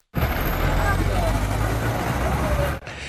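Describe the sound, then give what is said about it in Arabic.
Busy road traffic at a taxi station in Bab Diwan, Fnideq, near ten at night, with a steady low engine rumble from idling and passing vehicles, continuous, ending abruptly as the noise drops away. “اقتربت عقارب الساعة من العاشرة ليلا في محطة سيارات الأجرة في باب الديوان في مدينة الفنيدق.”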